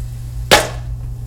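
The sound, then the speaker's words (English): A single sharp, bright pop of a popcorn kernel bursts over the steady low hum of a running microwave, then fades quickly. “I hate it because you got all those ones in the bottom that don't pop.”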